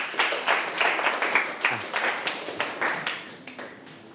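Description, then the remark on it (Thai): A group of students claps together for a classmate who has just shown the correct way to hand over an item, in a steady, fairly fast rhythm: a burst of applause of many hands slapping at once, moderately loud and without any talking over it. “โอเคนี่นะครับก็เป็นตัวอย่างที่ถูกต้องนะครับเก่งมากๆเลยปรบมือเพื่อนหน่อยครับ”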